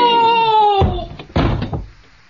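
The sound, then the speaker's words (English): A drawn-out creak gives way to two heavy wooden thuds as a door is shoved shut, loud, the second bang followed by a brief rattle. “Open the door, Watson.”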